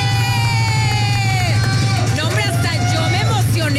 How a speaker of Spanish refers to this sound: Un fuerte aplauso para recibir a Mon Gómez.